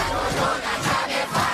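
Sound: ducks quacking loudly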